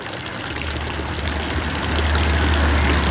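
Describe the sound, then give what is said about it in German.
Steady splashing of water from the village fountain in Brienz in the Albula Valley on a misty, cold October morning, a continuous pouring stream with a low rumbling undertone that swells slightly near the end, with no voices. “Und der Dorfbrunnen plätschert friedlich vor sich hin.”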